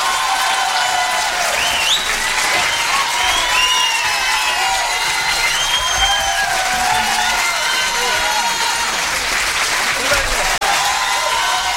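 A large concert crowd applauds steadily for the full stretch, dense clapping mixed with scattered whistles and cheers, loud and sustained without letup.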